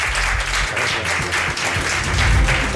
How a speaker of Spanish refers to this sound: Aquí le tenemos, un aplauso para él, un placer tenerte con nosotros.